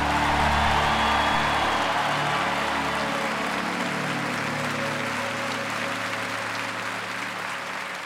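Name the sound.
applause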